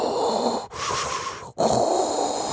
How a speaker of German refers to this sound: Klingt wie Darth Vader, ist aber vielleicht der letzte Röchler Ihres Dampfbügeleisens.